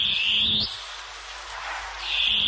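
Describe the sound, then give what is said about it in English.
Loud, harsh screeching calls of a long-tailed cuckoo (koekoeā), a strained high shriek at the start that fades, then returns near the end, heard alone with no voices. “Koe koea, the long-tailed cuckoo.”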